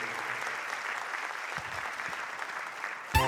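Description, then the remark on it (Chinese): Steady, dense applause from an audience, a continuous wash of clapping that holds at an even level for about three seconds before a brief louder burst at the end. “谢谢，感谢大家掌声鼓励。”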